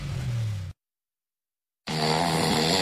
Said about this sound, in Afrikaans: My man snork soos 'n walvis wat 'n generator ingesluk het. Ek slaap nie.